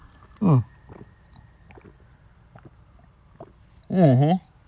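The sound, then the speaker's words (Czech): Someone drinks from a half-litre bottle of water: a loud throaty gulp, then quiet faint swallowing and small mouth sounds, and a second longer, louder gulping burst near the end. “Já tady mám půl litr vody, tak si to dáme takhle živě.”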